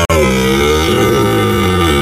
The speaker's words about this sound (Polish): przypominają o trwającym w Tatrach rykowisku jeleni. To one wydają przerażające odgłosy, a nie niedźwiedzie.